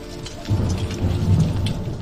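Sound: thunder and rain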